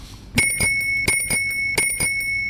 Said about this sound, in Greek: Όποτε ακούτε εδώ πέρα το ειδικό κορνάκι του ποδηλάτου, AKA αυτό εδώ τον ειδικό ήχο, τον οποίο όταν το ακούσα από πίσω σου, κάνεις μια στην άκρη με σε πάτη στο ποδηλάτη.